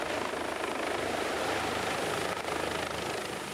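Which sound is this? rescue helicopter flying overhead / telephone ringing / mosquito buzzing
rescue helicopter flying overhead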